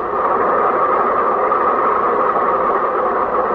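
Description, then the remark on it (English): A train rumbles steadily and loudly at a railroad crossing, a continuous grinding roar of rail cars that holds even for several seconds, with no voices or distinct bells standing out. “The bus has to pass the railroad crossing, too, and the train is at the railroad crossing.”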